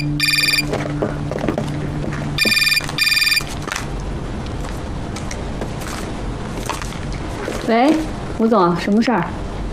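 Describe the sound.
A telephone rings in repeated electronic bursts, a pair of short trills near the start and another pair a couple of seconds later, over low background noise, followed by rising, sing-song voices.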